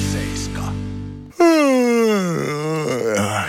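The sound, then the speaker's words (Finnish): A long, loud human yawn that starts high and slides down into a drawn-out moaning exhale, following a brief steady hum. “Haukottelu on tarttuvaa.”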